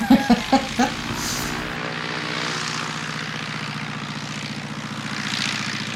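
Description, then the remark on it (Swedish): A two-seat propeller airplane's engine drones steadily and loudly throughout, a continuous buzzing hum with a few sharp knocks near the start before the engine noise settles into an even roar. “Det är mitt flygplan.”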